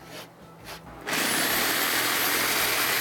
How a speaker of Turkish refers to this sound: Bak bunu da zımparalayacaksın. Zımpara işi bana kitlendi bugün.